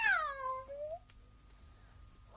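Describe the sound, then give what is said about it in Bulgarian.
A single loud meow from Kitty the cat, with a strong falling pitch, drawn out for about a second, followed by quiet background and a faint sound at the very end. “Кити, не ме прекъсвай! Първо ти измилка два пъти, докато Дайна те миеше.”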